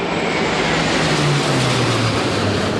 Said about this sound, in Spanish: Por aire, tres cazas F-18 y dos aviones A-400 de la base aérea de Zaragoza han sobrevolado este mediodía la plaza, llegando por la calle Alfonso.